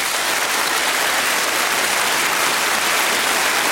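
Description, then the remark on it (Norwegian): Steady applause from a group, dense overlapping claps sustained at an even loudness throughout, with no voices standing out. “jeg tenker at samferden fortjener vel litt applaus. Skal vi ikke kjøre på litt?”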